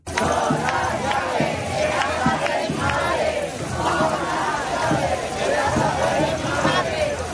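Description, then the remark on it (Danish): A large crowd in Madrid protesting the housing situation in Spain shouts and chants in a loud, continuous roar, with many overlapping voices and a bright metallic rattle of protesters shaking keys to their parents' houses running through the din. “De har boet i telte på byernes pladser og torve, og de er raslet med nøgler til deres forældres huse, som de råber her i Madrid.”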